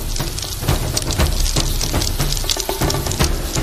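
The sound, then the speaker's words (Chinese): Marinated chicken pieces, added to oil heated over a high flame to about sixty percent temperature, fry with a steady, dense sizzle and crackle, broad hissing spatter punctuated by sharper pops, loud and continuous throughout with no voices. “现在开始起锅烧油，大火把油烧热吧，六成油温开始下入鸡块。”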